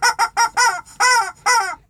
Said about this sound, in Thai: แล้วก็คุณไก่เสียงดัง